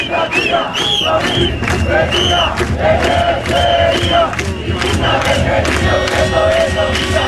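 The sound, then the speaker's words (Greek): A large crowd of protesters from the 2011 Indignants (Aganaktismenoi) movement shouts and chants loudly and continuously, with rhythmic bursts of many voices rising together over a dense roar of noise throughout. “Αυτές είναι φωνές από τους αγανακτισμένους.”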